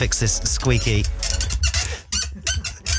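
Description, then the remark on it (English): A microphone stand squeaks several times in quick, creaky bursts, fairly loud, with people talking around it. “We need to fix the squeaky mic stand, guys.”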